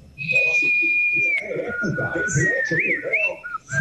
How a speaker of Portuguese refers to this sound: Assobio passarinho, né? Normal.